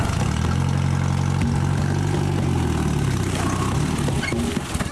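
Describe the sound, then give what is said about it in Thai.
A jeep engine, used to haul harvested areca nuts, idles steadily, a low rumbling drone with a constant throb that holds level for the whole stretch, with faint clicks and rattles riding over it. “วันนี้มาขึ้นหมากแล้วก็เอารถจิ๊บมานี่ขนหมาก”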